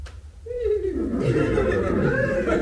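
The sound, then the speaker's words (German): A nervous horse lets out a wavering whinny that slides downward, followed by fluttering, throaty nickers, fairly loud with steady background noise throughout. “Ja, und sie kichern auch so wild.”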